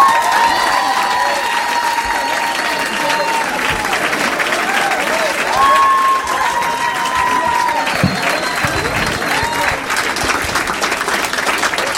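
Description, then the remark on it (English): A Minneapolis audience on a Saturday night bursts into sustained applause with whoops and cheers as Matt Kirshen is introduced, steady dense clapping for the whole stretch, with a few high shouts rising above the din. “Please make some noise for Matt Kirshen.”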